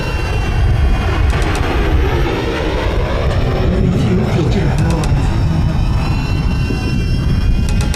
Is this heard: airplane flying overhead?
yes